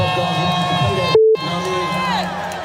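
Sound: concert crowd cheering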